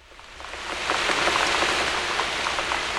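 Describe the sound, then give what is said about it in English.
Steady rain hisses throughout, with soft, scattered splashes of rubber boots jumping through puddles down a street. The wet patter swells slightly after the first second and stays even. No voices. “This is the sound I make as I jump through the puddles and down the street, as my rubber boots keep the rain from my feet.”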